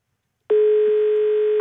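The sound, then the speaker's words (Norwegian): A telephone line connecting as a listener's phone call is taken into a music request program: a single steady electronic tone sounds loudly for about a second, then cuts off, with no voices around it. “nå tar vi altså inn en telefon igjen.”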